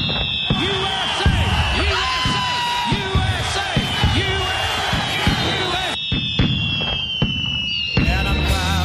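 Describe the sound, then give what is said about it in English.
Rapid fireworks bursts crackle and pop continuously, with whistling tones rising above the booms and a crowd cheering and shouting underneath throughout. “We are just full of fireworks information.”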